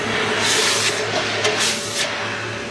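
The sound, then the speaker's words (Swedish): Hot metal is quenched in a bucket of water, giving a steady hissing sizzle that swells in a few sharper bursts of fizzing, with no one speaking. “Då tänker jag droppa den här i hinken nu. Jaha. Kommer att pysa och fräsa och greja.”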